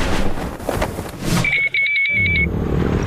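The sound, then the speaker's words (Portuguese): A loud motorcycle engine roars for a few seconds, with a steady high-pitched tone cutting in partway through before the engine noise carries on; no one speaks. “Amor, ouviu essa moto? Deve ser um entregador.”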